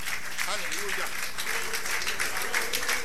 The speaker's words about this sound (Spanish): Dele aplauso al Rey por ella. Bienvenida.